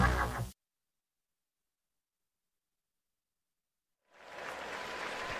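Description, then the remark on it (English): A crowd of about 40,000 at a St. Louis Cardinals baseball game applauds Randall Grichuk after a stretch of silence, the clapping rising into a steady, dense wash of sound that fills the last second or so, following a brief loud burst at the start. “Nice round of applause for Randall Grichuk here by the 40,000 folks here.”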